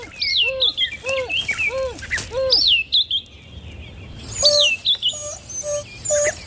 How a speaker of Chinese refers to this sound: 是非洲野犬首领在召唤同伴。